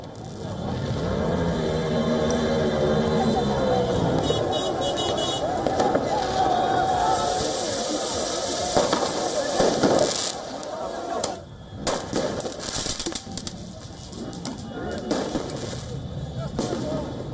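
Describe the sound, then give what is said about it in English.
Fireworks and flares bang and crackle in a busy Paris street during celebrations of a football club's victory, with several sharp bursts standing out over a constant roar of crowd noise, shouting voices and passing traffic. “According to the police, 24 flares and about 100 fireworks were seized.”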